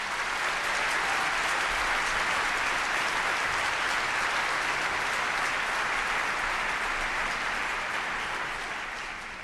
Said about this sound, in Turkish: Dünyanın en harika dinleyicisi olduğunuz için, dünyanın en sadık dinleyicisi olduğunuz için, her hafta bu salonu tıklım tıklım doldurduğunuz için, CSO'ya sadakatle bağlı olduğunuz için, en büyük alkış siz değerli dinleyicilerimize.